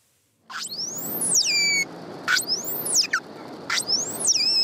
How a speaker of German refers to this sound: Die unterschiedlichen Rufe der Grindwale sind für sie überlebenswichtig. Die Tiere leben in engen sozialen Gruppen. Sie müssen mit anderen Artgenossen also kommunizieren und sich auch nach stundenlangen Tauchgängen wiederfinden können.